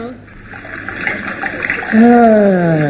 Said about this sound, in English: Yes, which reminds me, pour some more cold water in the basin, will you, dear?